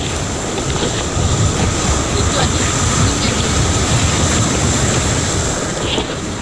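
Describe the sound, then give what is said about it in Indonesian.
Ocean waves wash onto Tanjung Bayang beach in Makassar, South Sulawesi, Indonesia, in a steady roar of surf, with no clear gaps between breakers and a gusty, windy rumble underneath throughout. “Rasa nyaman untuk sebuah kerinduan terhadap angin, pasir, dan ombak yang dapat meregangkan urat saraf yang tegang”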